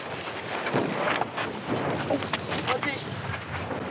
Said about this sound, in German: Windstärke 4. zum Windsurfen fast zu schwach.